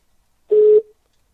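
A single short telephone tone, a steady mid-pitched beep lasting about a third of a second, sounds clearly on an otherwise silent line, with a brief fainter tail as it cuts off.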